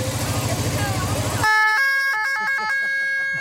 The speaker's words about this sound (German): die Hanna, die lässt jetzt die Sirene ertönen